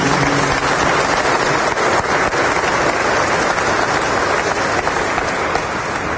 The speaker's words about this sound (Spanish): levanten la mano por favor los que vienen hoy por primera vez, vamos a darles un aplauso de bienvenida.